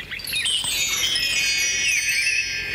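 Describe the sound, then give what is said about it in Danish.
A bright, bell-like signal chime telling the listener to turn the page, its high shimmering tones ringing and overlapping at a steady level for about three seconds, with no voices. “Når du hører den lyd, så skal du blade videre til næste side.”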